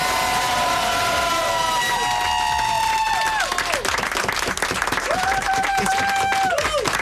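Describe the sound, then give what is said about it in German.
A crowd at a farewell applauds the group's assistant steadily for about seven seconds, dense clapping at an even loudness, with long high-pitched whistles and whoops rising and falling above it. “Und die kriegt jetzt den Applaus von ganz in ganz.”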